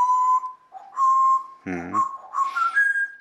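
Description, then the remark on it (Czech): A parrot imitates a locomotive whistle with long, steady high-pitched whistle tones, broken midway by a short buzzy honk, then a few more whistles that step upward in pitch. No one talks. “No, lokomotivu umíš.”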